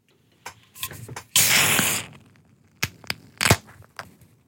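A beer can is handled with a few metallic clicks, then cracked open with a loud, bright hiss of escaping fizz lasting about half a second, followed by a couple of sharp taps.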